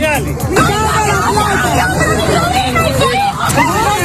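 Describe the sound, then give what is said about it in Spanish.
Angry families confront the Venezuelan military police in Caracas, Venezuela, after the earthquakes, their agitated voices overlapping in a steady, loud hubbub, with raised shouts rising out of the babble throughout and no clear pause. “Lo que escuchas son familias, familias indignadas que se enfrentan a la policía militar venezolana al verla robar dinero y joyas de las casas derruidas tras los terremotos hoy, hace 7 días.”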